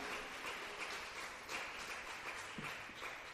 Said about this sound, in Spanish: Dele un aplauso al Señor, hermana, hermano, pero déselo con todo el corazón. Aleluya.